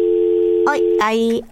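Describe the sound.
A steady, loud telephone dial tone hums after a caller's line drops on a phone-in line, then brief bursts of voice come in over it as the tone continues underneath.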